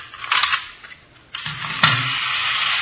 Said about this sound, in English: See this gadget here? Pretty clever, huh? Yeah. Miniature Sherman tank. What's it do? Watch.